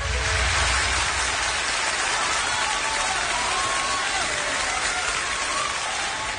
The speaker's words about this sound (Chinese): 你看，从大家啊这个掌声、热烈的掌声，你听出来了没有？